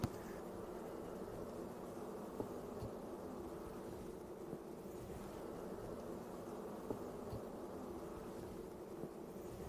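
A dense, steady drone of many honey bees buzzing around an open hive, continuous and even in loudness for the whole stretch, with no voices; the bees have been treated for mites.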